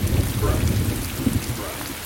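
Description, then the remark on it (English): Heavy, driving rain pours down in a steady, dense hiss, with a deep rolling rumble of thunder underneath throughout. It is loud and continuous, with no voices. “just after the fire, in a driving rain, soggy photographs of many Sugar Hill stars lay on the ground.”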